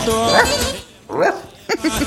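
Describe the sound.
A man mimics a dog with a few loud yelping barks at uneven intervals: one drawn-out bark, a second after a short pause, then quick choppy yips.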